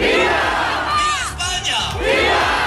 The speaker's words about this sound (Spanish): Entre los manifestantes, gritos de Ceuta, de Ceuta se defiende, también insultos al presidente del gobierno y peticiones para que se expulse a los migrantes.